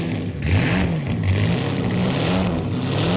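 A car engine revs loudly and continuously as the accelerator is pressed, its low growl climbing and dipping in pitch a few times over a rough, steady roar, with no voices.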